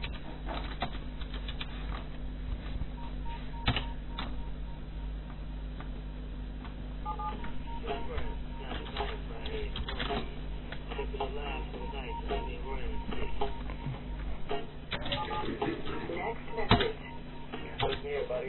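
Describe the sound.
Rapid, irregular clicking of keys on a computer keyboard runs throughout, fairly quiet, over a steady low electrical hum with faint voices in the background.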